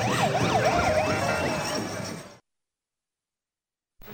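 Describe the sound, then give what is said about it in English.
Loud parade sirens wail in quick rising-and-falling sweeps over a dense rumble of street noise, signaling the approach of a balloon, then cut off abruptly into silence before a brief burst of sound returns. “those sirens that you're hearing, they're making this parade. They're signaling the approach of the balloon.”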